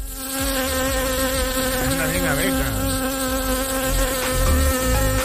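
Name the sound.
swarm of bees buzzing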